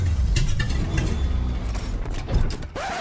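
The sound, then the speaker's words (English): A car engine runs roughly with a low rumble, mechanical clicking and rattling, then a brief rising whine near the end, as if sputtering. No one speaks. “Sure this car will get us home?”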